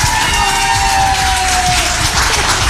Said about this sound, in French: Venez les garçons, venez vous faire applaudir un petit coup là. Faites du bruit s'il vous plaît.